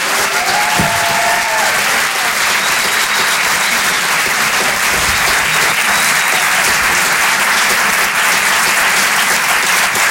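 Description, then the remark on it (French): A theatre crowd at the Apollo Théâtre applauds steadily and loudly for ten seconds, welcoming comedian Anne Roumanoff during a live Rire et Chansons Comedy Club radio broadcast; a dense wash of many hands clapping with no pauses, joined briefly by a faint whistle near the start. “Je vous demande d'applaudir très chaleureusement, s'il vous plaît, sur Rire et Chansons, Anne Roumanoff.”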